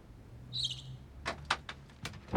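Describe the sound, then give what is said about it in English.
The door of a cupboard under the stairs opens quietly: a brief creaky squeak, then a handful of sharp, irregular clicks and light knocks from the latch and wood. “He opens the door of the cupboard under the stairs and peers inside.”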